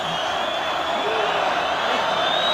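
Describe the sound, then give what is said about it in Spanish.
A bullring crowd shouts continuously, demanding a second ear for matador José María Manzanares: a dense, steady roar of many voices holding the same loudness from start to finish with no single voice standing out. “Gritos de otra.”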